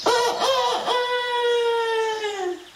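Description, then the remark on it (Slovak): A rooster crows once in a forest, a long drawn-out call that starts with a few choppy notes and then holds a steady, slightly drooping tone before fading, fairly loud. “Teba asi niečo trápi, keď tak smutne kikiríkaš.”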